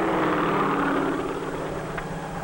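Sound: helicopter rotor and engine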